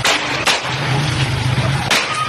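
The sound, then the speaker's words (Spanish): Three sharp pistol shots crack out, two in quick succession and a third after a pause of over a second, over a steady noisy background with a low droning hum. Recorded on video in the city of Santa Marta, where people fired pistols while entering shops. “Estas personas disparando, no se les ve la cara. Se alcanza a ver la pistola y entran a los comercios atemorizando”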